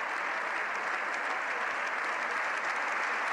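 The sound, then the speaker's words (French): Sustained, dense applause from the more than 600 members of the Spanish Parliament giving the Pope a long ovation after his speech, steady and loud throughout with no pauses, interspersed with several cries of "Viva el Papa". “Des applaudissements nourris entrecoupés de plusieurs « Viva el Papa ».”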